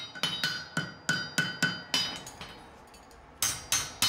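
A farrier's hammer rings sharply on a horseshoe as he forges a so-called Zehenrichtung so the horse can walk without pain: a steady series of about a dozen strikes, each with a bright metallic clang, pausing briefly before a final few blows. No voices.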